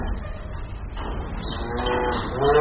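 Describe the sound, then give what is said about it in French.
A cow on a farm lows in a long, drawn-out, fairly loud moo, swelling slightly toward the end over a rough, breathy low rumble, with no one talking. “Et les vaches, qu'est-ce qu'elles vont devenir du coup si...”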